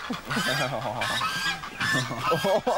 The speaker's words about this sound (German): Doch im Gebüsch lauern schon die neuen Mitbewohner. Die Gänse-Gang.